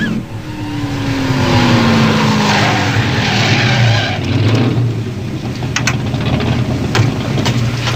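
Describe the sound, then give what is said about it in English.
A red Ferrari sports car driven by a priest roars loudly, its engine tone sliding lower as it slows and pulls over, then settles into a steady rumbling idle with brief sharper bursts toward the end. “You want us to pull over and be blessed by a black priest in a red Ferrari?”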